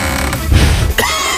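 A creaking sound effect of a music treasure chest opening on Radio 1, with a rough, groaning low rasp that swells briefly and ends in a sharp crack; no voices.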